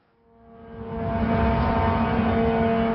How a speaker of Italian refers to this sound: Il sibilo di un drone russo irrompe al mattino nella città ucraina di Zaporizhia. Una voce grida di uscire da un edificio mentre il velivolo sta per colpire un obiettivo.